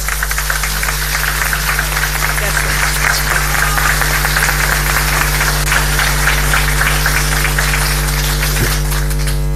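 An audience applauds steadily for about ten seconds, a dense, loud wash of many hands clapping without pause, with a low constant hum underneath.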